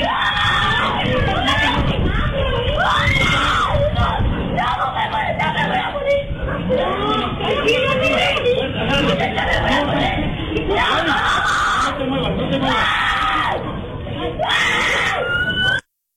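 A child screams in panic and cries for help while being bitten by a dog that escaped from a neighbor's house. High-pitched cries rise and break repeatedly over a continuous stretch, with frantic adult shouting and commotion mixed in throughout.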